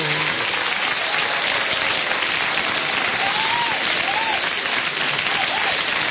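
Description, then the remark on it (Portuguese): Sustained audience applause for people celebrating their birthdays, a dense, steady wash of many hands clapping for several seconds, with faint voices calling out underneath. “Muitos anos de vida, muitas bênçãos de Deus e muitos aplausos também para os aniversariantes. Vamos aplaudir?”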